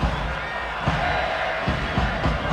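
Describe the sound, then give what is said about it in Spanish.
A large stadium crowd at a Xolos versus León football match shouts and roars at player Gilberto Mora in a steady, dense wash of noise, with a few louder swells rising out of the din and no clear single voice. “Oh, Gilberto Mora, empiezan a gritarle a Gil Mora ya.”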